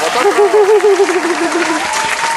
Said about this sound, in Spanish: ¡Olé! Un aplauso gracias,